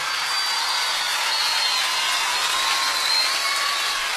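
A large audience at a live concert recording claps steadily and loudly for several seconds, a dense, even wash of applause with a few faint whistles, and no one speaking over it.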